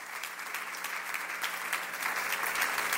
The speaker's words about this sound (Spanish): Fuerte el aplauso al Rey. Aplaude su grandeza. Aplaude su fidelidad.